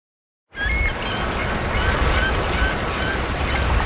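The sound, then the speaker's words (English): Harsh, buzzy bird calls ring out repeatedly beneath a poplar tree on a warm, sunny spring day, over a steady wash of outdoor background noise, sounding nasal and abrupt, a lot like a game show buzzer. “And then, oh, these birds. Wow, that's a real game show buzzer.”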